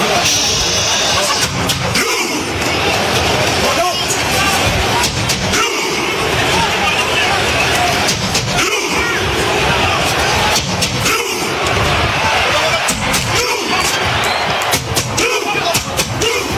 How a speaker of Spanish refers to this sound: Una adaptación del tradicional aplauso vikingo popularizado por la afición en Islandia en la Eurocopa 2016.